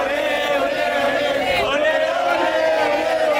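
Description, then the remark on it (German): A large crowd of Argentine football fans cheers and chants after Argentina beat England 2–1 in the World Cup semifinal. It is a loud, steady roar of many voices, with one brief swell of shouting partway through. “Nach den Spaniern dürfen jetzt auch die Argentinier jubeln.”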